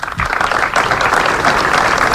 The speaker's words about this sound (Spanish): Alrededor de un centenar de personas se han concentrado a las 12 del mediodía ante el ayuntamiento para mostrar su solidaridad con las familias y los vecinos afectados. El minuto de silencio acabó con un gran aplauso.